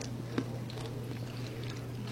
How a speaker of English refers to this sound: Not a lot of sound with that bite. Not as crunchy as not the as crunchy. As a butter tart, but it's good.